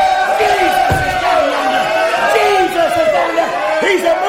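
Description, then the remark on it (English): A crowd of many voices shouts and cries out at once during preaching, a loud, continuous swell of overlapping wails and exclamations with rising and falling pitches and no single voice standing apart. People are shouting, weeping and crying as they get blessed. “They're shouting. They're weeping. They're crying.”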